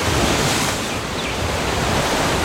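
Ocean waves wash onto the shore in a loud, steady roar of surf that swells slightly and then settles, with no voices present.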